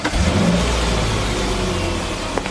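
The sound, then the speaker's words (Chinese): A V8 engine, the one fitted in the first Hongqi car and representing 1950s technology, revs with a deep, throaty rumble that swells early, then settles into a steady drone for a couple of seconds, with no voices. “这件就是我们第一辆红旗搭载的 V8 发动机，它代表了上世纪50年代的超一流技术水平。”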